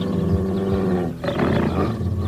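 A rabid dog growls viciously and continuously as it charges toward a person, a loud, rough snarl that dips briefly midway before surging back just as harsh.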